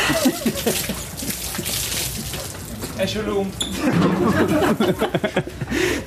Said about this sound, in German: Dieser vorzeitige Meistertitel, er war in Magdeburg keine Stunde alt, da durfte Flügelflitzer Tim Hornke erstmal duschen. Kollege Lagergren spendierte die obligatorische Bierbecherdusche.